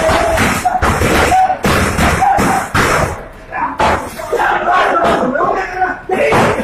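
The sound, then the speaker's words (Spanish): Heavy thuds pound against a pine wood door again and again in an uneven rhythm, loud, as police try to break it down, while an agitated crowd shouts and yells throughout. “Los policías hicieron todo para tumbar la puerta hecha de madera de pino, pero que justo hoy parecía de hierro, pues no cedía.”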